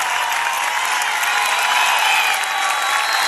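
A crowd applauds steadily, a dense wash of clapping hands that stays loud and even throughout, with no voices rising above it.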